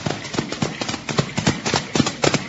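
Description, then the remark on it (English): Horses' hooves clip-clop in a quick, steady rhythm as two riders approach on horseback over hard ground, growing slightly louder, with no voices. “Now, both of you get off those horses.”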